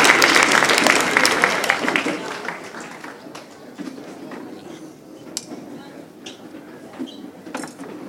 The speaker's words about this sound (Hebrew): טוב, עכשיו אנחנו רוצים להזמין את הילדים המדהימים האלו לקבל תעודות הוקרה. בבקשה. אפשר כפיים. בואו ילדים, בואו.